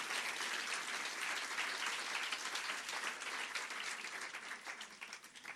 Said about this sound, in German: Nochmal Applaus für den Slammer aus Kiel.